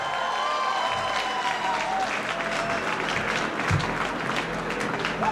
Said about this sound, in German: Darum Applaus